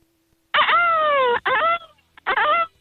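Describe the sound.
A caller on a phone line imitates a peacock call with loud, high, wailing cries: one long drawn-out scream followed by two shorter ones, each with a strained, nasal, slightly wavering pitch.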